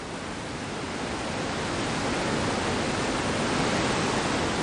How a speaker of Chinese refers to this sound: 山有多高，水有多高，高山仰止之地，是雷奔入江的钱江源大瀑布。